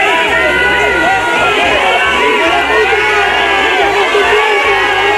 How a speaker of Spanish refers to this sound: Abucheos para el titular de Interior de unos ciudadanos cansados de mentiras, hartos de promesas y que se sienten abandonados en lo que ha sido la mayor crisis vivida en su ciudad.